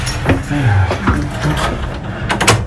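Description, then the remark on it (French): Metallic clicks and rattles of a key working in the lock of a door in the Basilique Saint-Cernin, in an area not open to the public, followed by the clunk of the door swinging open, with a faint voice murmuring underneath. “Alors, on va prendre ces portes.”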